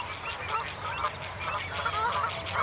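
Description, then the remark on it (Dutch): A lapwing calls repeatedly amid a dense, busy chorus of other birds, with honking waterfowl and a steady outdoor rumble throughout. Recorded at Moordhuizen on the Maas in Gelderland, Netherlands, where mute swans fly over, avocets defend their chicks against crows, and lapwings come to help. “Oh, de kieviet weer.”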